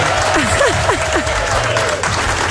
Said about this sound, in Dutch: Goed gedaan. Applaus voor jou.